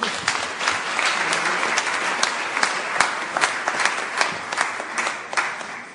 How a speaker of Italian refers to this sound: Accogliamo con un caloroso applauso la professoressa.